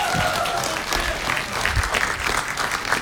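A crowd claps steadily for about three seconds, a dense, even patter of many hands at a fairly loud level with no voices standing out.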